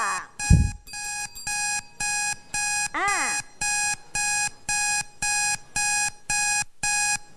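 A loud electronic alarm signals that time is up after a countdown in a school lesson, ringing in a steady pulsing pattern, about a dozen bright, high-pitched bursts evenly spaced, with a brief rising-and-falling warble partway through and a low thump near the start.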